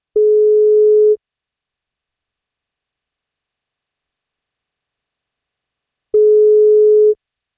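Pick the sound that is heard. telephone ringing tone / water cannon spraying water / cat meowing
telephone ringing tone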